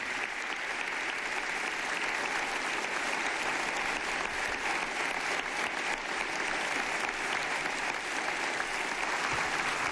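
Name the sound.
long round of applause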